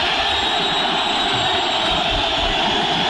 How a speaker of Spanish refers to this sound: Silbido, reprobaciones, mucha calentura, la derrota es histórica, el equipo fue un desastre, se derrumbó.